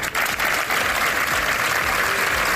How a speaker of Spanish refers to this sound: Este lunes se han guardado varios minutos de silencio en distintas concentraciones que han terminado con este aplauso como muestra de repulsa.